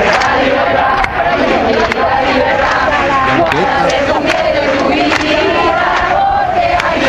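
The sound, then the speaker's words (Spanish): A large crowd roars and shouts together in a dense, continuous wall of voices, loud throughout, with occasional sharp whistles or claps cutting through the steady din of a mass demonstration in Madrid on 14 July, protesting against ETA after the killing of Miguel Ángel Blanco and ending at the Puerta del Sol. “El 14 de julio, la gran manifestación convocada en Madrid terminó en ese punto.”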